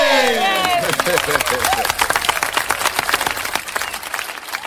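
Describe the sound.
A burst of dense applause sending off a DJ guest on the radio show El Retrovisor on RCN, many hands clapping in a fast, steady patter, with a voice and excited cheering rising over it at the start before settling into continuous clapping.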